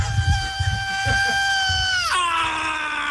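A long, piercing metal scream held over heavy pounding drums, its pitch sliding sharply down near the end and sustaining, loud and raw like a live thrash performance.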